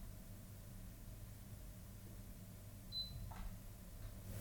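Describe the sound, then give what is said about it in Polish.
A single short, high-pitched electronic beep from a KVM switch's port-select button, followed by a soft click, over a steady low hum and faint background noise. “Kiedy wciskamy przycisk wyboru portu, słyszymy charakterystyczne piknięcie.”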